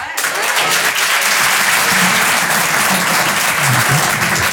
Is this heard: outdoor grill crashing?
no